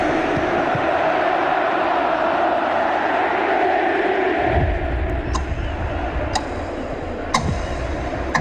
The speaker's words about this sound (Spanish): Oigamos el video de la Conmebol, por supuesto, aquí en las noticias. El homenaje que le hace a Lionel Messi. Recibe esta ovación oficial de su gente. Escucha.